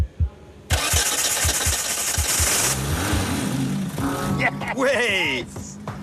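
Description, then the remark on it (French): The 1400 cc engine of a GT car cranks with a few low, rhythmic thumps, then catches and bursts into a loud, steady roar that keeps running, with loud induction ignition and an audible turbo. Excited voices call out over the engine near the end. “Le moteur de 1400 cm3 va-t-il démarrer et donner vie à la GT ou pas?”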